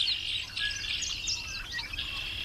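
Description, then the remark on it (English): Several backyard birds chirp and twitter continuously, their high, overlapping calls forming a busy outdoor chorus, with no voices present. “We'll explore the birds making appearances in your backyard as the seasons change in Vermont.”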